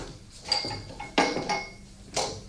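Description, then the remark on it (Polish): Pots and dishes clatter in a kitchen, a few sharp metallic knocks and clinks spread over a couple of seconds, moderately loud, with no talking. “W którym garnku grzała pani mleko? Proszę pokazać.”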